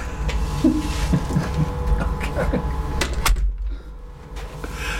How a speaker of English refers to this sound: can you shut the door to DJ? Yeah.